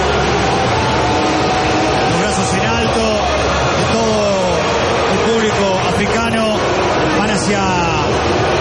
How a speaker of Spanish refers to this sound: Escucha, explosión de júbilo, la Jimmy que saltaba hacia la tribuna con el puño apretado.